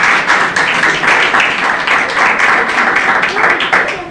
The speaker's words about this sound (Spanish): Bueno, denle un aplauso al Señor, entonces. Están contentos.